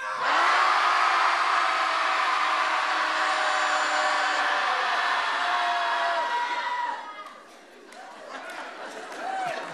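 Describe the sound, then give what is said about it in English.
A group of people at a Shouting Society session in Portland shouts together after a count of three in one loud, sustained roar for about seven seconds, then the yelling breaks off into scattered voices and fading noise. “Everybody at home listening, hopefully you're shouting too.”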